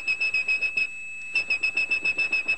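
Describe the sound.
A high, piercing whistled 2600 hertz telephone tone, the tone phone switching systems used to signal that a call had ended, holds a steady pitch, pulsing in quick rhythmic bursts, breaking off briefly midway before resuming. Clear, with no talking.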